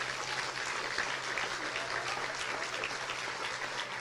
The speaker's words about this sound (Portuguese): Aleluia. Glória a Deus. Você pode aplaudir a Deus?